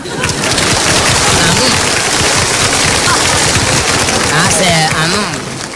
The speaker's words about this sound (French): Ces messieurs, dames applaudissent.